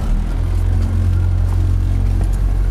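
The engine of an 8-metre motorboat on the Vltava river hums as the boat sets off, a steady, deep low drone, a loud continuous rumble with a faint whirring layer above it and no voices.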